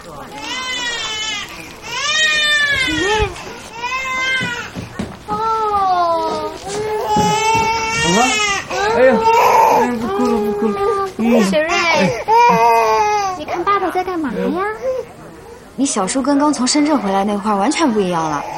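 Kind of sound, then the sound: human body sound, child crying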